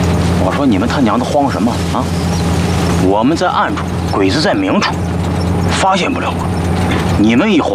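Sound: car engine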